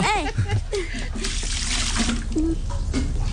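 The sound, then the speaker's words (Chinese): Water is poured steadily into a basin for washing the face, a continuous splashing rush lasting the whole few seconds, with a brief voice at the start and faint tonal sounds underneath. “倒太多水了， 啊！”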